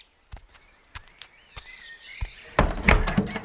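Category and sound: household object, wooden door being opened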